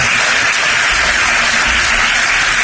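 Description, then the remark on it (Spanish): Sustained standing ovation lasting several minutes as Feijóo and the Partido Popular board, all on their feet, receive Ceuta's president Vivas. A dense, steady roar of many hands clapping at once without pause, loud and unbroken throughout, with no voices standing out. “Una ovación que ha durado bastantes minutos”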